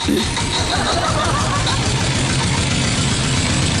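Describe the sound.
A tractor engine chugs steadily and loudly as it runs and drives off, its low rumbling throb continuous throughout, with faint voices in the background.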